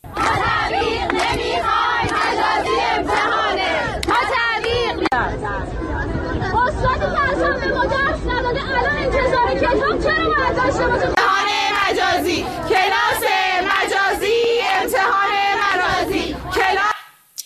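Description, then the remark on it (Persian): A crowd of Islamic Azad University students at a protest rally in front of the university's central organization in Tehran chants in unison, loud and steady throughout, with rhythmic shouted phrases and a brief swell of voices before it cuts off abruptly at the end. “گروهی از دانشجویان دانشگاه آزاد مقابل سازمان مرکزی این دانشگاه در تهران تجمع اعتراضی برگزار کردند.”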